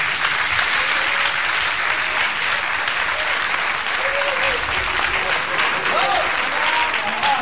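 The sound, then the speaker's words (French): An audience applauds loudly and steadily, a dense wash of clapping hands that holds throughout with no break, a few faint voices calling out beneath it, as a man whose ticket number was drawn is called forward. “Oui monsieur, approchez-vous, on vous applaudit très fort.”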